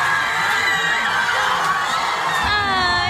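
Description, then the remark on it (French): A dense crowd of Mexican football supporters roars and shouts continuously after the final whistle of a match against England, many overlapping voices with high cries and whoops rising above a steady, loud wash of noise. “Le coup de sifflet final retentit et c'est la déception pour les supporters mexicains.”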